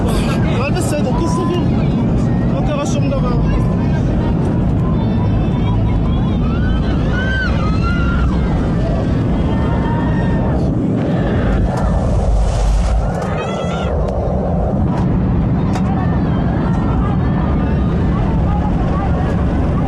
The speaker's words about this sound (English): Yeah, you can hear the noises of the engine there, and the rudder of the plane is believed to have been damaged and come off because it exceeded its maximum speed limit on the way down.